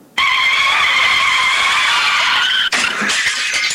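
A motorcycle skids on a wet, slippery road with a loud, sustained high-pitched tire squeal lasting over two seconds, which breaks off abruptly into a rougher, noisy scraping rush. No voices are present.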